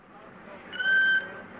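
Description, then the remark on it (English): A killer whale, being lowered into a crate packed with ice and foam rubber, lets out a single high, steady whistling squeal lasting about half a second, loud, over a low rumbling background. “It was rather undignified treatment for a killer whale, as Ramu protested.”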